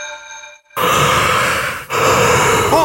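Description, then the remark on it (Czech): After a brief steady electronic tone, a loud, breathy yawn fills the foreground in two long drawn-out exhalations, the second trailing off with a rising, voiced whine. “Zívání zakázáno.”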